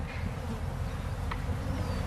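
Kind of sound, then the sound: insect, honeybees buzzing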